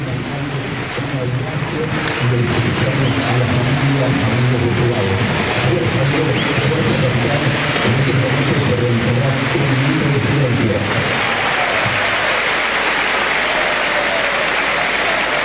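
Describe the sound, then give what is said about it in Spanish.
A big stadium crowd of Independiente fans fills the air with dense, steady applause in a pre-match tribute to Jorge Messi, father of Lionel Messi, after his death, mixed with a low roar of many voices, the chanting tones dropping away near the end while the clapping wash carries on. “Los aplausos son de los hinchas de Independiente. Escúchalo.”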